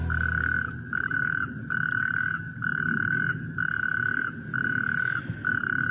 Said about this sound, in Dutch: Nee, het blijken rugstreeppadden in de wadi, in de buurt, die door de regenval van de afgelopen dagen flink gevuld is